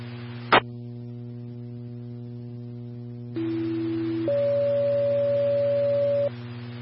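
A sharp click, then a steady hum, followed by two sustained pure tones in sequence: a lower tone for about a second, then a higher one holding for two seconds. These are fire dispatch paging tones for the south zone and County Division 1, for a fully involved semi-truck fire at 282 with 350.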